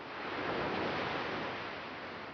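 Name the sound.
ocean waves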